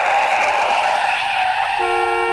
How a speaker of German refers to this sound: Als der Hamster eine Straße überquert, hört er ein herankommendes Auto nicht. Das Auto muss scharf bremsen und hupt der Hamster laut an.